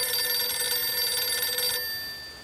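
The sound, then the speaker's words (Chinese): A home telephone rings with a steady, high, trilling bell tone that buzzes rapidly for under two seconds, then cuts back to a fading ring. No voices are heard. “可是周北风刚跨进家门，王克俊就给他打来了电话。”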